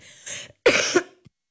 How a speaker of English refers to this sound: I thought I muted myself, I didn't, but every time I talk, I end up having a coughing fit.